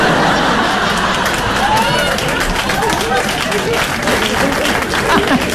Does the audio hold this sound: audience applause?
yes